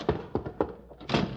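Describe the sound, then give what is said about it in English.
A stuck house door at the porch is being forced: several heavy thunks close together as it's shoved and rattled, then a final louder bang-and-scrape as it gives way. No voices. “Hope the door's unlocked. There's the porch. Oh! Darn roller skates! Door's stuck.”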